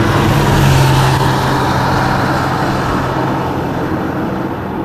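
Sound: car driving past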